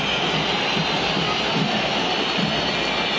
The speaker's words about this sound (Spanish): Hay una silbatina estruendosa, 3 de 3.